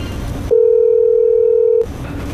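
A single steady phone ringback tone sounds loudly for just over a second, one long unbroken beep, as a staff member phones a manager to ask about the situation, with quiet background noise before and after it.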